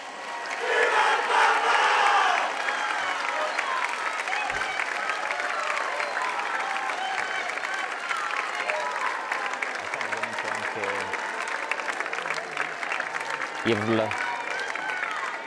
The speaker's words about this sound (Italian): La reazione della folla che appunto avete sentito l'urlo viva il Papa,